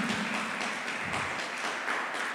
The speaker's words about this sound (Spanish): ¿Cuánto le damos un fuerte aplauso a nuestro Rey Celestial? Amén.